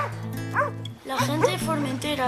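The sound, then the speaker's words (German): Dogs guarding a family farm bark and yelp in a continuous, overlapping run of loud, tonal calls, with a brief pause partway through before the barking picks up again. “Und deshalb spreche ich mit euch lieber Spanisch, sagt er, während er die Hunde streichelt, die den Bauernhof der Familie bewachen.”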